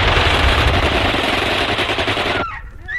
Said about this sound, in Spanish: Las balas silban de nuevo a su alrededor.